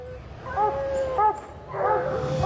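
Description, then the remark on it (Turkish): Several dogs bark and yip excitedly below in short, overlapping bursts with high whining tones against a low rumbling background. “Köpekler aşağıda deli gibi havlıyor.”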